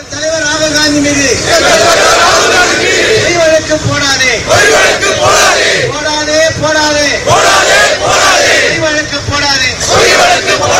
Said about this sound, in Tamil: திருவள்ளூர் ரயில் நிலையம் அருகே நடைபெற்ற ஆர்ப்பாட்டத்தில் மத்திய பாஜக அரசுக்கு எதிராக கண்டன முழக்கங்கள் எழுப்பப்பட்டன.